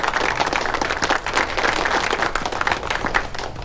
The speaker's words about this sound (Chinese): 大家鼓掌，祝贺陈专员荣升